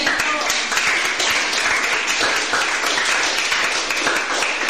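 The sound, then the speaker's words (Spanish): An audience breaks into sustained, loud applause, a dense wash of many hands clapping at a steady level with no break for the whole stretch. “Den fuerte aplauso a Dios.”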